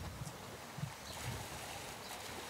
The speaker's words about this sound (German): Wassermarsch im Auswilderungsbecken.